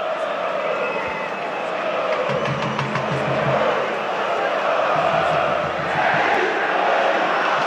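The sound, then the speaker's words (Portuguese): A large stadium crowd of fans chants loudly in unison, voices swelling in rhythmic, repeated shouts of the name Calleri and then Dorival over a constant roar of the mass of fans. “Estão gritando o nome do Calleri, agora do Dorival.”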